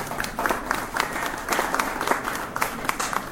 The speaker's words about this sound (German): Einen Applaus.